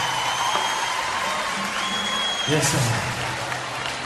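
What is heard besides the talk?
round of applause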